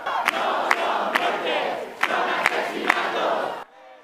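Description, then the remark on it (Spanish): A loud protest crowd in Madrid chants "asesinos" (murderers) in rhythmic, repeated bursts, hundreds of people marching from Puerta del Sol to the Congress of Deputies shouting together over a dense roar, after the death of an evicted woman, before the sound cuts off abruptly. “Cientos de personas marcharon desde la Puerta del Sol hasta el Congreso de los Diputados, donde, como escuchó, les gritaron asesinos.”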